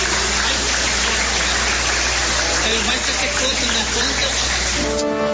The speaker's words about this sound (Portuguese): Bate as palmas para Jesus.